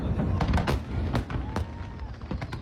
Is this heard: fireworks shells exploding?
yes